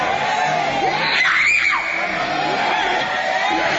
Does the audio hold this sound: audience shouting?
yes